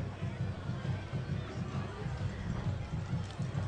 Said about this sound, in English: Now the Powell crowd comes alive. And I mean, there's not been anybody leave this football game.